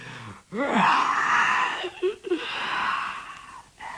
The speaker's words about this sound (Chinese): 为首的那个景玉没说话，先打了个哈欠。